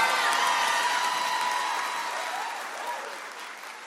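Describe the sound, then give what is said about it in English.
A crowd applauds steadily, the dense clapping spread across the whole stretch and slowly tapering off, with faint scattered cheers and voices mixed in. “Clap your hands for my babies.”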